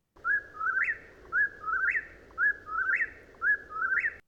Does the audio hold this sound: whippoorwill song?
yes